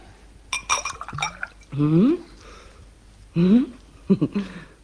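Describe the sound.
A few bright glassy clinks near the start, like a glass knocked and set down on a hard surface, then short bursts of a voice speaking over a quiet room.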